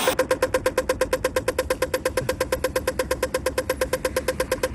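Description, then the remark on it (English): A pedestrian crossing signal at a traffic light ticks rapidly and steadily, roughly eight evenly spaced clicks per second, clear with no voices over it. “One's the traffic light sound.”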